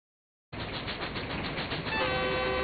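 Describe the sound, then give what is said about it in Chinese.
A train carrying a mother and her two children toward the provincial capital rumbles steadily along the rails with a rhythmic clatter, starting abruptly after a brief silence; near the end a sustained horn tone rises over the rolling noise. “火车载着娘儿仨向省城驶去”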